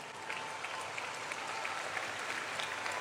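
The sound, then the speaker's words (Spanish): Steady audience applause for the group from Colombia at a Movimiento Misionero Mundial congress, a dense wash of many hands clapping at an even loudness for a few seconds, with no voices standing out. “Bueno, ese aplauso para el grupo de Colombia.”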